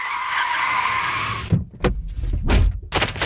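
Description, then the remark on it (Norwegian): A long, high tire screech as a car skids for over a second in an intense car chase from a traffic intersection, then a roaring engine and rough, bursting rumbles, loud and frantic. “Jackson stikker derfor av og løper vekk fra bilen midt I et lyskryss, og en intens biljakt følger.”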